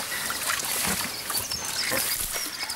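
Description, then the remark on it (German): Water runs steadily from a garden hose into a pigs' mud wallow, where it mixes with sand to make mud on bath day, a continuous hiss and splash that holds at an even level throughout, with a few faint low thumps underneath. “wenn wir hier hinten hingehen, wissen die genau, dass der Schlauch angestellt wird”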